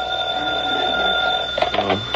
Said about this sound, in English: 3 o'clock in the morning and the phone rings.